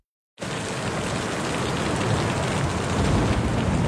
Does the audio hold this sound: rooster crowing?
no